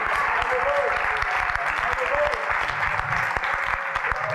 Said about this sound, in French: Alléluia, applaudissez le Seigneur.